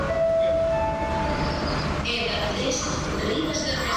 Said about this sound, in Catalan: Feia més de 3 mesos que no es podia sentir un missatge com aquest per la megafonia de les estacions de tren de la R3, com la de Ripoll.